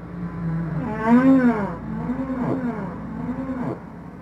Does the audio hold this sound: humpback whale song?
yes